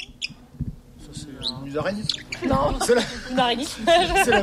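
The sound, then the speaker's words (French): A hawfinch gives a few short, sharp high calls near the start, then people talk over faint, scattered chirps for the rest of the moment. “Non, c'est le gros bec.”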